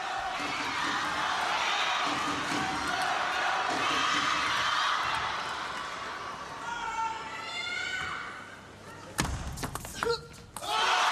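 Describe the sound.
A table tennis rally plays out over a steady crowd murmur, with a few sharp, bright ball clicks landing in quick succession near the end, amid scattered voices, during a semi-final between Flavien and a Chinese opponent.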